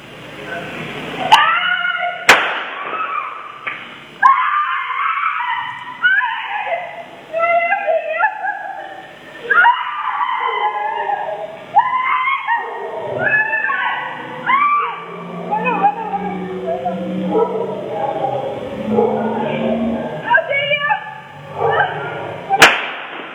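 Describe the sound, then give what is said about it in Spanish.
Gunshots in street ambience: a couple of sharp cracks near the start and one more at the end, over steady crowd noise with raised, wailing voices throughout. “Vamos a escuchar, dice el director acá de prensa, el señor Mario Orsinoli, que está con audio ambiente los disparos. Escuchemos los disparos.”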